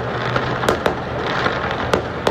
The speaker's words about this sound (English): Some of the fireworks in Vancouver there. Listen to that.